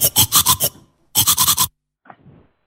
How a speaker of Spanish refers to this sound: Escucha este sonido. Es el sonido que hacemos cuando nos cepillamos los dientes.